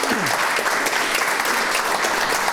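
A crowd applauds steadily for a few seconds, a dense, even patter of many hands clapping at once, fairly loud and close, with no voices standing out.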